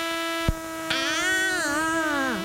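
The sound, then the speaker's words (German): After two sharp clicks, a mosquito's thin, high whine hovers steadily in the dark after the lights go out at bedtime, wavering slightly in pitch before sliding downward near the end, with no voices present. “Mücken gehören zu den effektivsten Schlafverhinderern überhaupt.”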